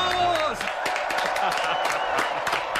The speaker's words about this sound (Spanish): Esta mañana sobre el escenario de la plaza de Hoy por Hoy, los superhéroes sin capa, los superhéroes con camiseta de tirantes, desde Burgos. Un aplauso muy fuerte para la moda.